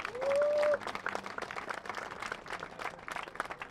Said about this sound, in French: Un applaudissement pour